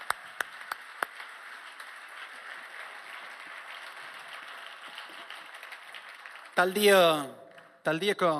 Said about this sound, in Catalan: Un aplaudiment per Francisco.